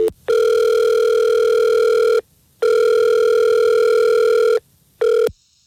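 An outgoing phone call's ringing tone: two long, steady electronic rings separated by brief silences, then a third ring cut short, heard clearly with no talking.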